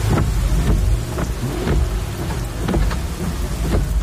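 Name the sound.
rain with thunder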